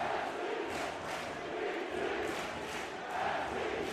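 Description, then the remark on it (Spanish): A large stadium crowd roars and shouts chants of "NYC" and "New York City" in a continuous, dense wall of voices, with rhythmic surges of louder yelling rising every second or so. “Y el público respondiéndole a los gritos de NYC a New York City.”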